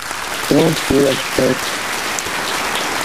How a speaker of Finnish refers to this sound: Kiitän sinua kovasti ja täältä tulee aplodit.